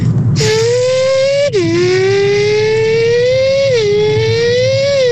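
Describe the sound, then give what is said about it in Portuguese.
A voice imitates a Formula 1 car, a loud, buzzy, rising engine whine that drops sharply as if shifting gear, then climbs again and dips once more, sustained for about five seconds. “consigo imitar um carro de Fórmula 1.”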